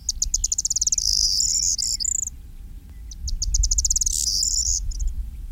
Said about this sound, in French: il y a un autre bruant qui est bien commun dans notre région, et notamment sur les milieux agricoles, qui se maintient relativement bien, c'est le bruant proyé.